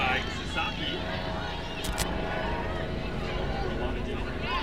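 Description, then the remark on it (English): A medical helicopter flying to Stanford Medical Center passes low overhead during a Cardinal game, its loud, steady rotor rumble and engine roar filling the whole stretch, with faint murmuring voices beneath it. “Helicopter flying right above us. Sorry for the distressing sounds, but that does happen as often medical helicopters fly over to Stanford Medical Center.”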